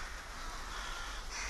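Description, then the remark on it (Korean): A large flock of rooks in Ulsan caws at once, a dense, continuous chorus of overlapping harsh calls, with no voices. “데스패 들어가기 시작하면 불과 10분 만에 그 많던 때까마귀는 자취를 감춥니다.”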